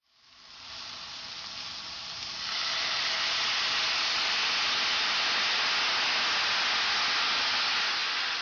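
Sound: carrots sizzling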